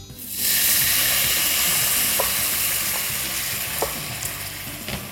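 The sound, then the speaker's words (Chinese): A sudden, loud burst of sizzling as water is added to a hot stir-fry pan whose ingredients have been cooked until the liquid has reduced. It settles into a steady hiss with faint clinks of a utensil; no one speaks. “好，那我现在呢就把炒了差不多，就是已经收水收干了，我就把这个水加进去。”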